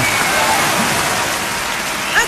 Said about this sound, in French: Merci pour ce super partage, on vous applaudit, pas possible.